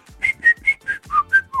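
A short, bouncy melody whistled: seven quick, clear notes in a steady rhythm, each note rising slightly, with no talking over it.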